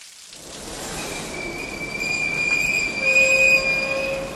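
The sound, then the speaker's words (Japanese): A train rolls in along the tracks at a railway station, its rumble building steadily while high metallic wheel squeals ring out over the noise, growing louder as it approaches. No voices. “そこにいた監視兵が質問を始めた時、列車の音が聞こえました。”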